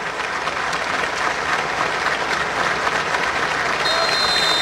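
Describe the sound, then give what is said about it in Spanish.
Sustained crowd applause before a match, a spontaneous minute of applause as a tribute following a minute of silence, a dense, steady wash of many hands clapping at an even loudness throughout, with no pauses and no voices standing out. “Minuto de silencio, más un minuto de aplauso.”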